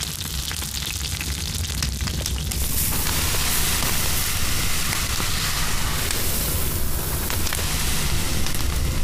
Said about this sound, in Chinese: 煎到两面金黄的小鱼，放到铺撒着米糠的炭火上方，稻壳噼噼啵啵作响，烟气带走小鱼的水分，香味分子不断附着其上。